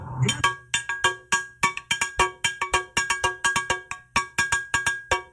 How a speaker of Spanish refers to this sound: Ahora tiene una campana para amenizar. No, tengo una campana, Dios mío.